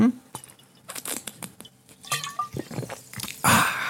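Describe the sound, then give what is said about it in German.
Small liquid sounds: water trickling and splashing into a glass in short bursts, with soft clinks, followed by quiet sips and swallows of water during a short drinking break on a radio programme. “Kleine Wasserpause hier bei uns in Radio Kärnten. Nehmen Sie sich auch gern das Glas. Trinken wir gemeinsam 2, 3 Schluck.”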